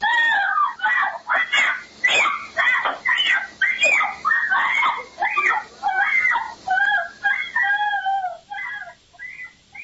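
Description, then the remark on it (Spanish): A 9-year-old girl screams and cries out for help in repeated, frantic bursts as her mother tries to take her, loud, her voice breaking into high wails and sobs for about ten seconds. “Vamos a escuchar un pequeño fragmento de los gritos de la niña cuando está tratando de pedir ayuda.”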